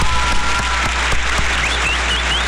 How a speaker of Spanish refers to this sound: Y mandamos un saludo para toda la gente bonita de Oaxaca. ¿Cómo no? Un aplauso para toda la gente bonita de Oaxaca, señora.